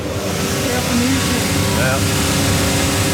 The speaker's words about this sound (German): Das ist das Schleifband. Genau, und abgeschliffen wird, damit also jetzt quasi die Innensohle, die drinnen ist, dass man die dann verbinden kann, dass es schön flach ist mit der Aussensohle, die jetzt drauf kommt.